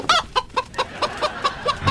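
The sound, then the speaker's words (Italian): A hen clucks in a rapid, steady series of short clucks, about eight or nine in under two seconds, with no talking. “quella è di gallina, non è tuo moglio.”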